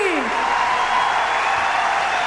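A crowd applauds a departing guest on a folk music programme in a dense, steady wash of clapping that holds at an even, fairly loud level for a couple of seconds, with a brief falling vocal cheer at the very start.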